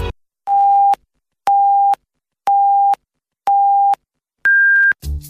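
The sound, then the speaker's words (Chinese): Radio hourly time signal marking 17:00 Beijing time on Huairou People's Radio Station, FM 101.3 MHz: four evenly spaced, steady mid-pitched beeps one second apart, then a fifth beep at a noticeably higher pitch, loud and clean with silence between them. “北京时间17点整。”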